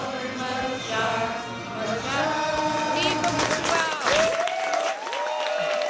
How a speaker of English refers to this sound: It's such a Canadian scene. Portuguese fans, England fans, Scotland fans, Guatemalan fans all together celebrating one team. Fans in Toronto's Little Portugal yesterday watching the match.